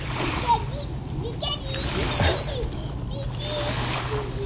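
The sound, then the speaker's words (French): A small dog lying down in a lake laps the water, soft wet splashes and slurps repeating irregularly over a steady watery wash and a low hum, with faint voices in the background. “Elle est allongée dans le lac et elle lappe.”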